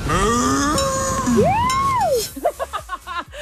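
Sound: cow mooing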